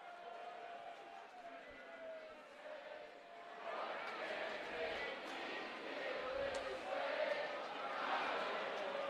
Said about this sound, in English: You hear the crowd once again finishing off the song. Mountaineer faithful.